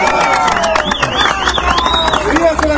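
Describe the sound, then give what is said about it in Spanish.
A crowd at a political alliance event applauds the Izquierda Democrática party steadily, dense overlapping claps filling the whole moment, with a high wavering whistle-like tone sliding up and down over the clapping and murmured crowd noise beneath. “Un fuerte aplauso para la izquierda democrática que forma parte de la historia política.”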